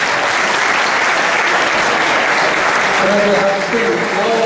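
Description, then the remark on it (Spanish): Loud, sustained applause from a large audience at an evening event, welcoming the Managing Director Southern Europe, fills the whole stretch at an even intensity, with a faint voice or tone surfacing underneath near the end. “Un aplauso fuerte para”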